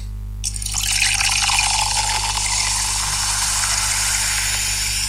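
A drink is poured into a glass in one steady stream, a continuous bright splashing rush that starts abruptly and runs for several seconds over a low steady hum, with no one talking.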